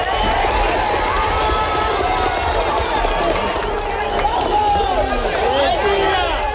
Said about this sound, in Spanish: Cada vida salvada le suceden aplausos y vítores 40 horas después de un terremoto devastador que cuenta todavía cientos de desaparecidos en ciudades como Pereira,